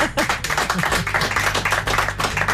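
A crowd applauds steadily for the day's traffic chaos, many hands clapping in a dense, continuous patter that stays fairly loud for the whole stretch, with no voices rising above it.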